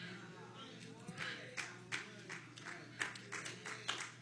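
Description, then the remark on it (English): Scattered, half-hearted clapping from a small audience during a sermon, about a dozen sharp, uneven claps spread over a few seconds above a steady low hum, never building into full applause. “Thank you for those sad claps.”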